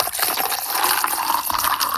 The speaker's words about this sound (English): But maybe the sound of pouring an ice-cold glass of orange juice comes close.